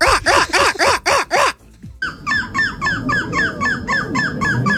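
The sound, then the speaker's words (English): Someone whistles a bird-call imitation: five loud, evenly spaced chirps, a brief pause, then a quicker run of fainter, twittering chirps over a rustling background. “I can't tell if your mouth is quivering from the heat or if you're just starting to practice your bird call noises.”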